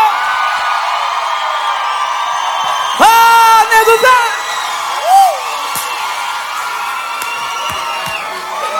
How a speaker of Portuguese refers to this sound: palmas.